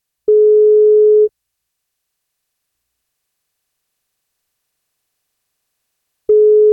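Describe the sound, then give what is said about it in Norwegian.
A phone line's ringback tone as the NFM radio breakfast show calls a listener for its Wake Up Call birthday-cake feature: a steady mid-pitched beep lasting about a second, then a long silence of several seconds before the next beep. Clear, with no voices. “Det frokostshowet på NFM som ringer.”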